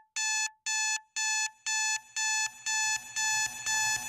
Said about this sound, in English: I really hope that the answer is that you kind of see an alarm clock and think, I wonder what kind of sound we can get out of this, and then before you know it, you've got a new song.